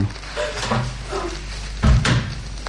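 A door to someone's room is pushed shut with a low, solid thud near the end, preceded by soft shuffling and creaking as it swings closed, fairly quiet.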